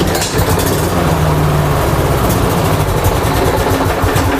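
A struggling lawn mower engine runs loudly and roughly for several seconds, its low rattling drone pulsing unevenly as if straining to keep going, with no voices.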